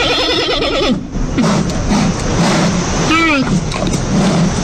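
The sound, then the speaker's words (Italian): A donkey brays loudly in harsh, wheezy bursts, one at the start and another rising and falling call a few seconds later, over a constant rough background noise. “È un asino.”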